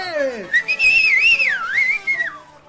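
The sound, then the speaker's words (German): A loud whistle from drunken men cheering a young girl dancing on a table in a cantina in San Antonio, Texas, sweeps upward, then wavers and glides up and down in one long continuous tone for a couple of seconds, with faint murmuring underneath. “Auf einem Tisch in der Mitte des Raumes tanzt ein junges, schlankes Mädchen unter lauten Pfiffen und Jubel einiger betrunkener Männer.”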